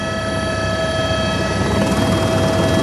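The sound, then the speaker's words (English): A helicopter roars as it flies in to land at the Trishuli 3 tunnel rescue site in the Bhotikoshi-Trishuli River Valley, its engine whine and rotor noise holding loud and steady throughout, with a constant droning hum and no voices. “Without choppers, there is no way of getting here.”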